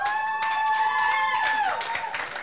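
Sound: audience applause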